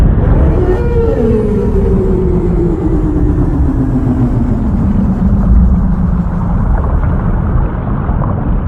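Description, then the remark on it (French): A long, low moan of a blue whale (blue rorqual) slides slowly downward in pitch over several seconds, set against a constant heavy rumble of deep underwater noise. “La baleine bleue, appelée également le rorqual bleu, peut mesurer jusqu'à 33 mètres de long pour un poids moyen de 150 tonnes.”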